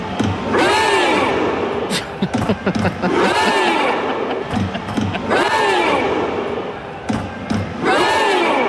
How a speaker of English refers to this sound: We're all rowing together. We're doing a big Viking row for Norway. Here we go.